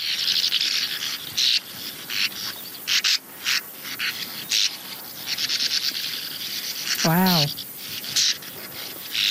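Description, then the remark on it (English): A continuous dry, rattling chatter of rapid buzzy pulses that sounds almost mechanical, like a hum, from a swallow. A brief wavering, harmonic-rich call breaks through once near the end. “And the voice here is a bit a rattling chatter, much more like a mechanical hum.”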